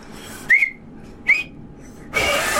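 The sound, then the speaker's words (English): Two short, breathy attempts to whistle through two thumbs, each a thin squeak wrapped in hissing air and spit, followed by a longer rush of spluttering breath with no clear tone. “That is not a whistle. Come on. That is not a whistle. That is spit coming out of your thumbs.”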